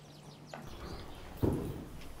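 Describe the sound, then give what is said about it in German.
A Knabstrupper horse performs a levade, a baroque riding exercise, on soft ground in an indoor riding hall, hooves shuffling, then one heavy thud as its front feet come down. Faint bird chirps sound in the background, and no one speaks. “Manche der barocken Reitübungen klappen schon sehr gut, wie diese Levade.”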